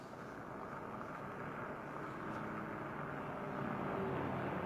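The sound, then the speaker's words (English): A taxi cab's engine rumbles steadily at low pitch, growing slightly louder as it turns into a driveway at nearly 11 o'clock. No voices are heard. “It was nearly 11 o'clock when she again heard a car turn into the driveway.”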